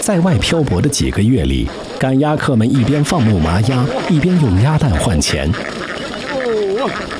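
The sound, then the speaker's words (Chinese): A large flock of herded ma ducks (laying ducks) quacks continuously and loudly as duck herders drive them from Hengyang toward Qinzhou, with many overlapping calls forming a dense, busy chorus that barely pauses. “在外漂泊的几个月里，赶鸭客们一边放牧麻鸭，一边用鸭蛋换钱。”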